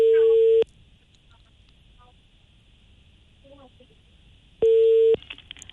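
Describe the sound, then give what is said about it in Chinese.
A telephone busy tone after the other party hung up on a call from a Hebei radio station's consumer-rights programme: two loud, steady beeps, one at the start and one near the end, separated by a long quiet gap with faint background noise. “您刚才把电话挂断了”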